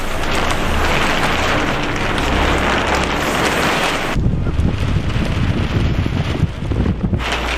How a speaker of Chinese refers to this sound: 三月的考古工地仍是阴晴不定，一阵大风吹过，天气说变就变。